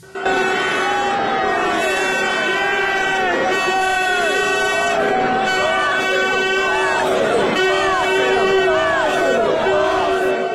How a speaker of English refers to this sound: North London is painted red as thousands of Arsenal fans line the streets to celebrate their club's first Premier League win in 22 years.